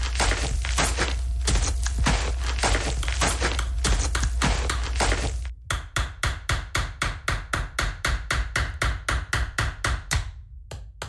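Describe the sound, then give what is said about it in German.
Construction-site hammering by a man at the site, loud: first a dense clatter of overlapping blows, then a steady run of sharp, evenly spaced hammer strikes, about four per second, with no voices. “Den Herrn hier an der Baustelle.”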